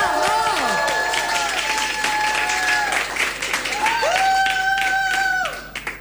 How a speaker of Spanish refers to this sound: Un aplauso inmenso para la señorita Flor Peña.